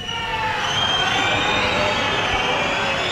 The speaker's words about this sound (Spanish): Pitidos y gritos en contra de la presidenta del Gobierno de Navarra que intentaba participar en ese desfile de la Guardia Civil en Pamplona.